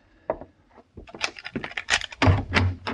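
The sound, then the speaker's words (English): A key jingles and rattles in the lock of a hotel room door in San Francisco, followed by clicks and a thump as the door is unlatched and swung open, with no one speaking. “You lock door, Mr. Paladin? It didn't lock itself”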